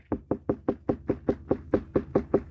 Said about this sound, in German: Wenn es dunkel und hohl klingt, dann haben Sie eine reife Wassermelone. Ja, Klopftest, das ist das eine.